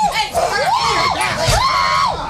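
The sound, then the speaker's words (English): Several voices scream and shout at once, loud, with high wavering cries rising and falling over a chaotic, crowded din for a couple of seconds, as a fight breaks out among a whole bunch of dogs in a studio. “And you weren't helping with the screaming.”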